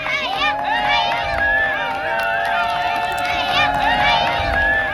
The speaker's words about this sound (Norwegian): Store jubel og glede der.